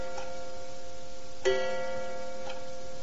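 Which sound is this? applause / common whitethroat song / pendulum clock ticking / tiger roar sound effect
pendulum clock ticking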